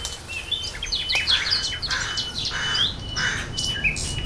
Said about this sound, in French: Vous marchez en forêt. Les oiseaux chantent, les feuilles bruissent.